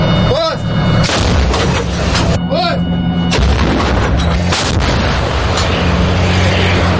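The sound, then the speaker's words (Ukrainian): A Paladin self-propelled howitzer fires artillery shells on the Kostiantynivka direction. Heavy blasts boom several times over a continuous loud, rumbling roar, with brief rising mechanical whines and faint voices of the crew mixed in. “САУ «Паладін» займає вогневий рубіж, екіпаж готує снаряди до бою.”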